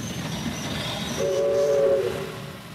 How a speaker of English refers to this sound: The train arrived at Glen Innes shortly before 9.